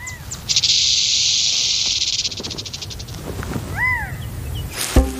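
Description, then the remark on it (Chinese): A rattlesnake's tail sets off a sustained, hissing warning rattle that buzzes steadily for a couple of seconds, then breaks into pulses and fades. A few faint bird chirps and a sharp knock follow. “这个词通常用来描述草蜢和蟋蟀腿部摩擦翅膀，或翅膀相互摩擦来歌唱，或者是响尾蛇的尾巴发出的警告声。”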